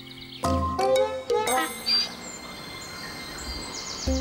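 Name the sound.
woodpecker calling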